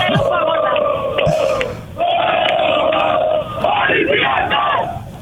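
A loud, festive crowd cheers and sings together at packed venues with screens in Pasalimani, Piraeus, Greece, as fans await Olympiacos, with sustained chanting tones and shouts running continuously, dipping briefly before swelling again.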